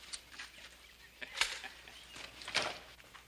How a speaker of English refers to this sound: Got us a new hen